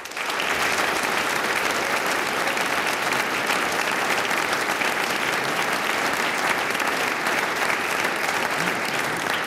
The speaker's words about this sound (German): Schicken wir unseren Hörerinnen und Hörern im In- und im Ausland gleich einmal einen kräftigen Applaus hinaus.